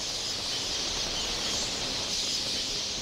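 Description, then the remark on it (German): A dense, unbroken wash of millions of red-billed queleas chirping at once, a steady high-pitched roar of a huge flock with no pauses, fairly loud and constant throughout. “Die Blutschnabelweber machen sich ebenfalls auf den Weg.”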